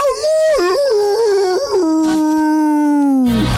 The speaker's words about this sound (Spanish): Imagínense, llegaba la noche, allá en Luján, cerca del río Mendoza. Algún que otro perro por ahí.